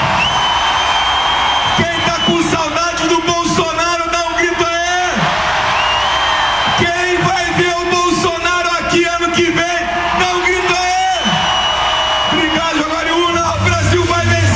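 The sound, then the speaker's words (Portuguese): A large political campaign rally crowd in Brazil roars and shouts together in response to a call for change, in loud, sustained waves, with whoops and yells rising and falling several times through a dense, continuous wall of voices. “Quem quer mudança no Brasil, dá um grito aí.”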